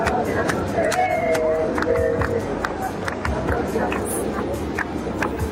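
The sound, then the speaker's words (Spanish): A large outdoor crowd of thousands protesting a law in the streets of Argentina roars in a dense, steady wash of many voices, chanting "La patria no se vende", with scattered sharp claps or bangs cutting through and a few brief tonal shouts rising above the din. “Miles de personas salieron a la calle al grito de «La patria no se vende» para protestar contra una ley que afecta a algo bastante básico.”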